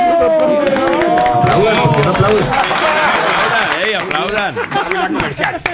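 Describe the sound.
A crowd of people claps and cheers loudly, scattered hand claps mixed with whooping, overlapping voices, sustained for several seconds before tapering slightly at the end.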